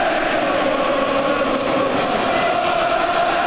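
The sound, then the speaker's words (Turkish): A huge crowd at Wembley cheers during the first round of the Anthony Joshua versus Vladimir Klitschko boxing match, one continuous, dense roar that holds at a steady, loud level throughout, with no individual voices standing out and no speech. “Müthiş bir tezahürat var Wembley'de.”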